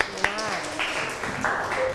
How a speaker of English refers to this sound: Yes, clap your hand for your friend. Good job.